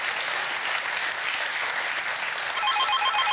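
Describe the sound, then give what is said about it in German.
Steady, dense studio audience applause, sent to a caller on Sylt, fills the whole clip without letting up, and a faint electronic telephone ring pulses in rhythmic bursts underneath it near the end. “Wir wünschen eine gute Fahrt und schicken den Applaus nach Sylt.”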